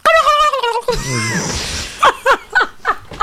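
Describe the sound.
A person imitates a turkey gobbling, loud: a high, warbling voiced call, a breathy rasp, then a quick run of short, rhythmic gobbling bursts, offered as a substitute for a bicycle bell.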